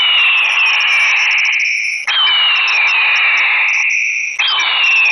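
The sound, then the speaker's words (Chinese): A solar-powered, high-volume flashing bird repeller, assembled by a reporter for a test and meant to mimic large hawk calls, blares a loud, shrill electronic alarm, a piercing high tone sliding downward in long sweeps that restart roughly every two seconds, while pigeons keep lingering nearby; no one speaks. “那你看到现在虽然说这驱鸟器响起来了，但是这个鸽子啊它并没有都都飞走，还是在这个跟前徘徊。”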